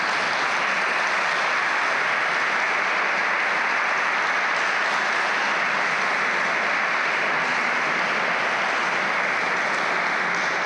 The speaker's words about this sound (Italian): E penso che tu meriti stasera che questa folta assemblea ti faccia un caloroso applauso.